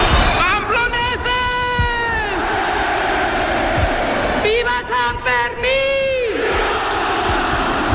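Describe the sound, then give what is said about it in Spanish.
A dense festival crowd roars and cheers continuously as the rocket opening the San Fermín festival is lit at noon, with two long rising-and-falling waves of shouting voices swelling over a constant loud hubbub, energetic throughout. “han prendido a las 12 del mediodía la mecha del cohete con el que han dado comienzo los sanfermines. Este era el momento.”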